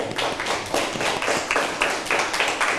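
A group of children clap together in a quick, uneven burst of applause, steady and fairly loud for a few seconds, with no one speaking over it.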